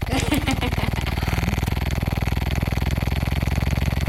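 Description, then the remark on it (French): A vibrating sex toy buzzes steadily, a loud, low, rapidly pulsing motor drone with a coarse rattling texture that holds an even rhythm for about four seconds. “Il s'agit d'un sextoy.”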